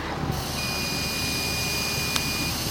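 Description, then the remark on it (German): A breathalyzer clicks once, short and sharp, near the end, after a steady high-pitched beep and a constant airy blowing hiss as someone blows into it; it reads 0.0. No one speaks. “Ich muss das Klick machen.”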